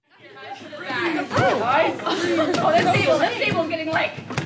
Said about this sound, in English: Like a public library pool party, a crowd of about 60 summer camp counselors in training work together to keep a dozen balloons bouncing through the air. The rules, they have to stay seated and they can't touch anyone around them.